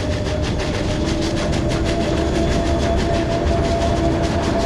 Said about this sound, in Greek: Το τρένο πέρασε αργά μπροστά μου. Λες και ήθελε να το παρατηρήσω.